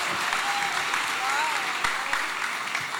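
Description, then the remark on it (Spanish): A crowd at a party applauds a guest steadily and fairly loudly for the whole stretch, a dense wash of clapping with no pauses, with a faint voice or whistle-like tone drifting underneath. “Fuerte el aplauso.”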